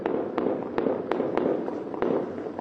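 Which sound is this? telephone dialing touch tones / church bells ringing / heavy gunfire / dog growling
heavy gunfire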